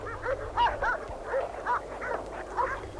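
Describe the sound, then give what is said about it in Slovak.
Several dogs at a house bark and yip excitedly, greeting someone's arrival, in a steady, overlapping stream of short, mid-pitched calls, some rising into whines, over a low rumbling background in windy weather. “Žije. Poznám to podľa psov. Tešia sa, že si prišiel.”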